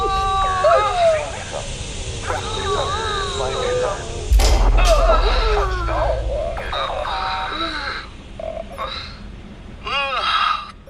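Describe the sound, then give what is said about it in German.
Warbling, sweeping tones of a space capsule's braking thrusters activating build up, then a sudden heavy impact thumps in as the capsule lands on Mars on its impact airbags, with a deep rumble that lingers for a few seconds before more whooshing bursts follow; the effects may be partly voiced. “Bremstriebwerke aktivieren in 3, 2, 1. Aktivierung der Aufprall-Airbags in 3, 2, 1.”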